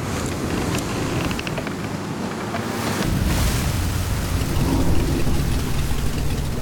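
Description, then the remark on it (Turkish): Rough water churns and slaps around a small boat on the Nakunday River, red after heavy rain upstream, as the current drags the boat, with waves surging louder after a few seconds and gusty wind buffeting the microphone throughout. No voices. “Dalgalar sertleşmeye başladı.”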